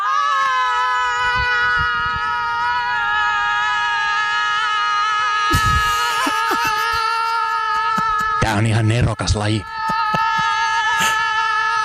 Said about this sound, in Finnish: Sitten kun mä lähetän, niin toinen lähtee toiseen suuntaan, toinen toiseen suuntaan ja tämä huutokaanoni alkaa.